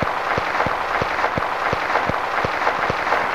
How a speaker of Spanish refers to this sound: Vamos a darle un aplauso de bienvenida al mes de mayo.